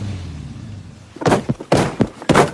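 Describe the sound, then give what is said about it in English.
A man sitting in his car pounds the car's passenger seat with his fist in a rapid burst of four or five heavy, muffled, loud thumps, following a moment of low engine-like hum. “He hits the passenger seat with his fist.”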